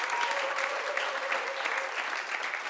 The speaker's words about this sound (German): Meine Damen und Herren, ja, da kann man schon klatschen, das gefällt uns.